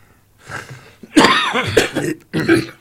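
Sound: coughing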